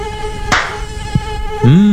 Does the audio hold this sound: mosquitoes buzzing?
yes